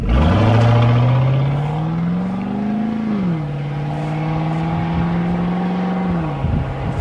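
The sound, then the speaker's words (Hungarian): The engine of a Hummer, the one that ended up in the frozen Lake Balaton a few years ago, revs up steadily, its pitch climbing, then drops and holds a loud, rumbling idle before another dip, continuous with no talking. “Ami egy Hummer hangja.”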